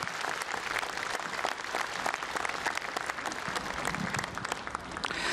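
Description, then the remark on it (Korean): Sustained applause from a large Buddhist assembly at an inauguration ceremony of the Jogye Order of Korean Buddhism, given for executive chief Venerable Jinwoo, a dense steady wash of many hands clapping at an even, fairly loud level throughout, with no talking over it. “안정과 도약으로 한국불교의 새로운 미래를 열어가시겠다는 총무원장 진우 스님의 원력에 우리 모두 화답하는 의미로 다시 한번 큰 박수 보내주셨으면 좋겠습니다.”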